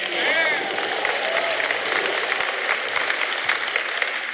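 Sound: audience clapping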